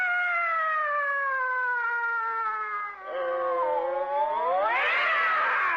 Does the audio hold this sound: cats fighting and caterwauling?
yes